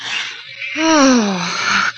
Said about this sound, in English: Oh, I think I know what that is. It's just a plain, ordinary alley cat.